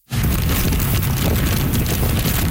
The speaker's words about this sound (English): That's how the storm sounded in Keelung on the northern tip of the island. Heavy rain, along with wicked winds of 144 kilometers an hour, gusting to nearly 200.